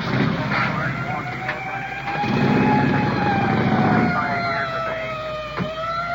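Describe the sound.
A police motorcycle pulls away as the motor officer takes off to cover the area in a search for a suspect, its engine roaring and a wailing siren sliding up and down over steady street noise, loud, with muffled voices in the background.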